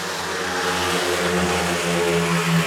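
Speedway motorcycle engines roar past in a loud, continuous snarl as the riders pass for the first time in the fourth heat of a race meeting. Their buzzing harmonic drone holds steady and swells slightly toward the end, with no voices.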